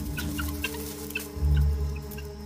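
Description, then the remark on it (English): A flock of guinea fowl huddled together near water as a python approaches, squawking in a steady stream of short, harsh, overlapping calls repeating rapidly, with a low rumbling drone underneath that swells briefly midway. “The guinea fowl huddle together, a squawking, formidable mob.”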